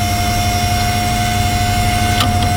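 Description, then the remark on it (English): A steady, loud whirring hum from an old computer's cooling fan as the computer is switched on, with a constant high whine and rumbling low drone running unbroken, plus a couple of brief clicks near the end. “So, here's the fan.”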